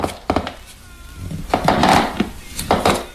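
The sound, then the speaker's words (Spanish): Wooden floorboards creak under weight as someone crosses a living room: a few sharp woody knocks, then a longer, strained groaning creak, followed by more brief cracks. Moderately loud, with no voices. “Atravesó el salón y el crujido del suelo de madera llamó su atención.”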